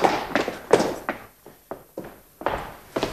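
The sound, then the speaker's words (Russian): A run of heavy, thudding footfalls stomps along at an uneven pace, about ten impacts, each a sharp thump with a short ringing decay, with no voices. “Что за шум? Все тихо, мой лейтенант. Я слышал топот.”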